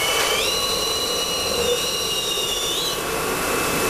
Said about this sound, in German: In diesem Fall gibt es zwei Düsen, eine Außen- und eine Innendüse. Jeder gespülte Becher wird zuerst von der Außendüse getrocknet, anschließend schlürft die Innendüse das Becherinnere trocken. Das hört sich dann so an.